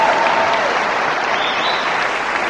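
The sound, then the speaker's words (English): An audience applauds in answer to a question asked by round of applause, a dense wash of many hands clapping at once, loud and sustained for the full few seconds without a break or any voices standing out. “How many people, by round of applause, are just amazed you're hearing that for the first time and you had no idea?”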